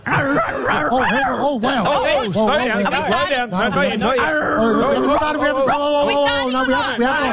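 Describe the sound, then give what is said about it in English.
A person dressed in dog ears and a dog nose imitates a dog with a rapid, continuous string of loud yips and barks, one bouncing voiced bark after another for several seconds with hardly a pause. “Oh, let's do a doggy.”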